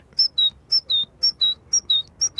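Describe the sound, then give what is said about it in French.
A person whistles an imitation of a great tit's call: clear, high two-note phrases alternating up and down, repeated steadily about five times in a quick, even rhythm, fairly loud. “L'oiseau le plus commun qu'on puisse entendre, c'est la mésange charbonnière. Et elle, elle fait...”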